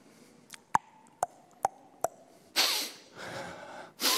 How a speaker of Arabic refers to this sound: عارفين ده إيه؟ ده نحنحة المساكين، نحنحة التعبانين، نحنحة الكفرانين، نحنحة المتضايقين.